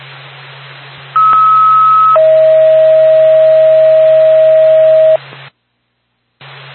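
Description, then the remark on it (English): A radio dispatch paging alert for Whitefield Ambulance: a short, higher steady tone followed by a longer, lower steady tone, loud over a hissing, humming radio channel that briefly cuts to silence. “stand by for a tone.”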